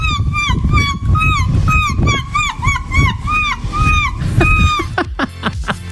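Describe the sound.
A woman's voice imitates seagulls with a loud, rapid run of shrill, squawking gull cries, repeated over and over with a rising-falling lilt, over a rumble of background crowd noise.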